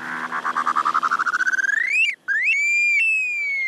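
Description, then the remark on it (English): An upland sandpiper calls alone and clear: a rapid bubbling trill climbs steadily in pitch, breaks off for a moment, then stretches into a long, drawn-out rising and falling whistle. “At number three, the upland sandpiper.”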